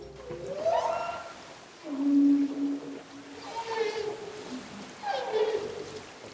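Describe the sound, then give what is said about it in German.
Underwater whale song: a series of long, moaning tonal calls with sweeping pitch, rising and falling in several phrases over a faint watery background hiss, moderately loud. “Zum Beispiel, wenn Walgesänge in den Aufnahmen entdeckt würden.”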